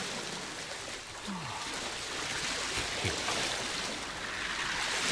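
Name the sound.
flowing river water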